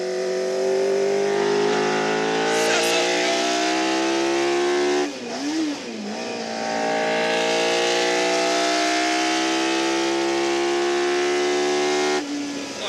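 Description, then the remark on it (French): A powerful 500-horsepower car engine roars loudly, its pitch climbing steadily through gear changes, with a brief dip and rise around the middle before surging on at full revs. “500 chevaux!”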